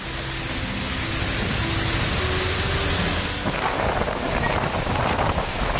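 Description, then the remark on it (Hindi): Strong monsoon wind in Kolkata roars and buffets the microphone in a steady, loud rumble, as darkness falls during the day, shifting partway through into a hissing wash of heavy rain with gusty bursts as the thunderstorm with lightning continues. “ये तस्वीर कोलकाता से आई है, जहां दिन में ही अंधेरा छा गया, जोरदार हवाएं चलने लगी और फिर बिजली कड़कने के साथ झमाझम बारिश देखने को मिली।”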